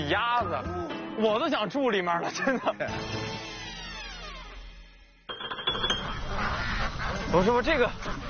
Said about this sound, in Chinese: 我的天哪，这么多鸭子！ 这就是我们的鸭别墅。 目之所及，浩浩荡荡，这些都不是泥土，这都是鸭的颜色，是不是？